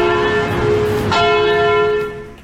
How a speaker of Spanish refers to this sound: En este viernes de confesiones, se me olvidó poner la campana. Ahí va.